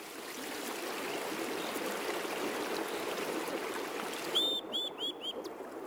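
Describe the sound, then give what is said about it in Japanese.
A mountain stream rushes steadily over rocks, a continuous broad splashing wash, with a few bright bird chirps breaking in near the end. The water runs down a mountain, over rocks and through a forest, at dusk. “山を下る水、岩を越え森を抜け、その先には海があります。”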